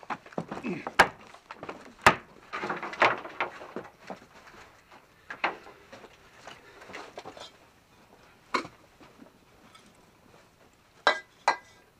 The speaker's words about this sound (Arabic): أزال الباب موصدا. ماذا لو كان صاحبك في الداخل؟ تقصد أنه قضى نحبه داخل داره؟ مجرد احتمال. علينا أن نخلع الباب، وعليك أن تساعدني في هذا.